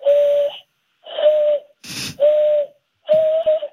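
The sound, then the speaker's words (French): A man blows four steady, hollow whistles through cupped hands, a call in the way American Indians whistled to communicate, each about half a second long with short pauses between, imitating a dove's coo. A brief breathy gust falls between the second and third. “Oui, alors la chose inutile dont je suis fier, c'est que je sais siffler comme les Indiens.”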